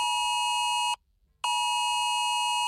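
A smartphone Cell Broadcast emergency alert tone, which sounds even in silent mode: a loud, piercing, harsh electronic tone, broken by one brief pause and then sounding again, with no voices.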